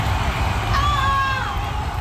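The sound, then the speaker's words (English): A YouTube stadium crowd sound effect, from an hour-long version: a dense, steady roar of a stadium crowd cheering, with wavering whistle-like tones and shouts rising above the wash of noise for about two seconds. “YouTube stadium crowd sound effects. That's where I got this.”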